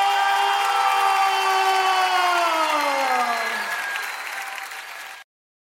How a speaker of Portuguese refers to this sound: E quando eu disser essa frase, dê uma salva de palmas mais forte que você puder dar.